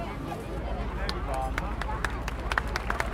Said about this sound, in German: Genau, nochmal einen herzlichen Applaus und Dankeschön an die gemischte Gruppe